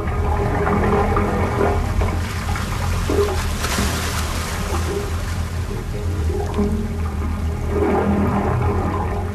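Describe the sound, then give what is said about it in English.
Seawater gurgles and sloshes through the pipes of a wave organ on San Francisco Bay, pipes up to 15 feet long submerged in the water and venting through stone, as the swell rushes in and out, with a low, hollow resonant hum, continuous and fairly loud, swelling in rushes now and then without any voices. “The sounds are produced by the swell of water rushing in and out of the pipes, vibrating and resonating”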